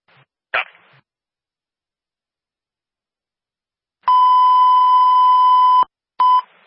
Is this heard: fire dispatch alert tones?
yes